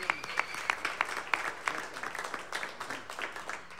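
An audience at the Blue Plate Special live music show applauding steadily for the performers of the show's first half, with many overlapping handclaps forming a dense, crackling wash at a moderate, even level for about four seconds.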